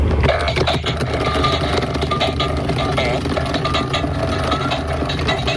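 A dancing toy doll called Butt Face, a doll whose face is a butt, with arms, legs, a tuft of hair and headphones, dances when pressed down and plays loud, buzzy electronic fart noises, a steady rumbling stream of low, sputtering blasts that carries on without pause for several seconds.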